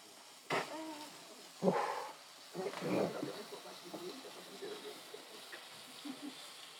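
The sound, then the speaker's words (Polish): A sparkler candle on a cake fizzes with a steady, bright crackling hiss throughout, while people's voices break in over it in a few short, louder bursts. “Że te iskry by poszły do środka tortu.”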